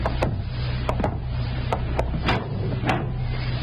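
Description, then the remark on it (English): A door being opened in pitch darkness: a run of sharp wooden clicks and knocks, roughly eight, irregularly spaced, over a steady low hum with no voices. “Here's the door.”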